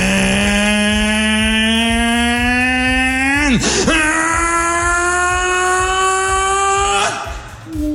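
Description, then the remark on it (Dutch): A small boat engine drones loudly as the boat starts to sail, with a steady, buzzing hum that climbs gradually in pitch, briefly dips and sputters midway, then resumes its even rising whine before cutting out. “Dit is wat je hoort als het bootje gaat varen.”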